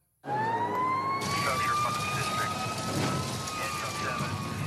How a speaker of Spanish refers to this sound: Escuchamos la sirena y pensamos en peligro, en caos, en fuego. Pero detrás de ese sonido hay algo más fuerte.